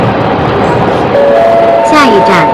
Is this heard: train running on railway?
yes